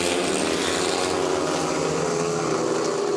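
Loud, continuous roar of several speedway motorcycle engines at high revs during the first heat of a race at Ljungheden in Västervik, Västervik against Lejonen. A dense buzzing drone with steady harmonic whine and no breaks fills the whole clip without any voices.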